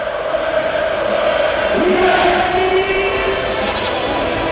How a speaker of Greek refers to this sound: Ακούτε τον κόσμο να φωνάζει ρυθμικά το όνομα του Εβάν Φουρνιέ.